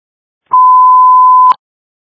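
A single steady electronic ringtone sounds for about one second, loud and unbroken, with a soft click at its start and end, and nothing else around it.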